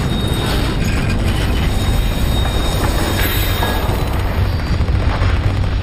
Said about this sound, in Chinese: 突然，坦克车长看到了一列火车，上面可能载着德军士兵和武器。火车刚一启动，就遭到谢夫中士的火力袭击，炮弹正中车头，火车顿时无法动弹。